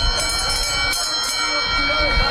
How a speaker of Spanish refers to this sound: Y con el sonido de esa campana arranca la mejor carrera de todas, el Gran Premio de Sanlúcar. Por delante, 2 kilómetros de carrera desde Bajo de Guía hasta este recinto de llegadas de la playa de Las Piletas.